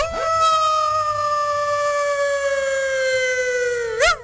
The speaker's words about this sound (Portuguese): Eu não sei aonde você achou esse urso, mas esse urso não é do Brasil, não, hein? Esse urso é de fora, tá? Porque ele, em vez de urrar, ele late, né?